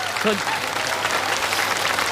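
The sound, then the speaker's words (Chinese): Steady applause from a live audience at a xiangsheng (Chinese crosstalk comedy) performance fills the whole stretch, a dense wash of many hands clapping, with a brief voice cutting in near the start. “您还给鼓掌呢？”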